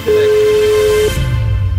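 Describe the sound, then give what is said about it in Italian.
A single steady ringback tone sounds over a phone line for about a second, then cuts off, leaving low rumbling line noise with no answer and no talking. “Puttana, non risponde.”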